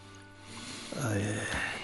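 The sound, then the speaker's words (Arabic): Drinking water is poured into a glass for taking a medicine tablet, in one short, steady stream, its gurgling pitch rising as the glass fills, over a faint low background hum. “خذ قرص هذا الدواء، ضعه في فمك. أحضروا كأس ماء.”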